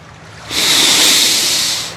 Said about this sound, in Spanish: ¡Ah! ¡Qué tranquilo se ve el mar!